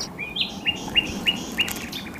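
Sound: wild birds calling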